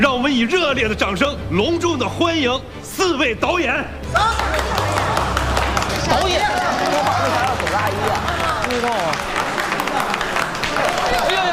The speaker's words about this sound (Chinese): 可是今天他回来了，他和三位老师一起共同担任我们《逼上梁山》的导演，让我们以热烈的掌声隆重的欢迎四位导演。